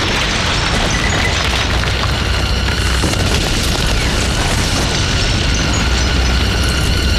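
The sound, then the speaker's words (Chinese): Heavy fire from a mountain artillery gun and explosions merge into a loud, unbroken roar of booms and crackling debris that stays dense and steady throughout, with no talking. “王连长，你把你的队伍后撤100米，把山炮给我留下。”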